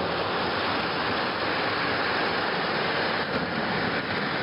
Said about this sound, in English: It's not bad weather. It's just a little bit rainy, that's all.